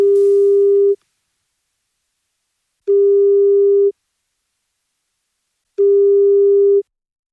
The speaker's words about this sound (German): Und jetzt klingelt irgendwo in München und der Region ein Handy.